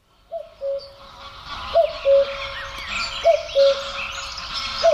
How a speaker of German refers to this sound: Sie erkennen ihn, schöne fallende Terz, der Kuckuck und da hinten, hinter ihm, unter ihm, über ihn rufen offenbar Stockenten.